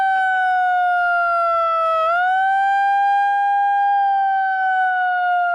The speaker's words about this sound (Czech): Jeden z protestujících se pak snaží znemožnit zahajovací ceremoniál s malou přenosnou sirénou.